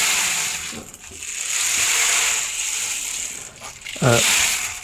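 A percussion instrument is played, giving a continuous hissing, pattering rattle like a rain stick, swelling and fading in waves, with a brief voiced harmonic burst near the end.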